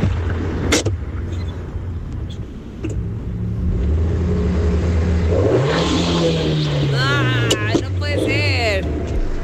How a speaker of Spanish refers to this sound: Mi entrada no es una moto, es un carro. Le están poniendo la, sí, el freno de mano, ¿verdad? A ver. Y ahí cierra la puerta. Cierra la puerta. Ahí lo prende. Y el acelerón. No, es freno de mano.